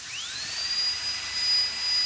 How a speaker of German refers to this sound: Seit gestern wird im ersten Stock des Gesundheitszentrums Kitzbühel statt in die Wände in Zähne gebohrt.